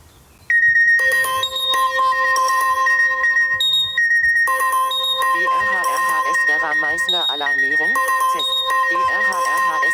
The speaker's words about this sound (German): Also mein Handy ist immer lautlos gestellt, außer diese Alarmierung über Katwan oder hier über Divera ist immer mit diesem lauten Signalton. Also auch wenn das Handy lautlos ist, werde ich immer alarmiert, auch nachts.